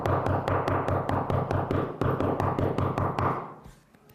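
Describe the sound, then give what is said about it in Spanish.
Rapid, loud pounding on a door, a fast steady stream of heavy knocks for about three seconds before it stops and fades away. No one speaks. “Pero imagínense, hay algunas maneras de tocar la puerta, no sé si a ustedes les ha tocado que les toquen la puerta de una manera como si estuviera el diablo afuera, ¿no?”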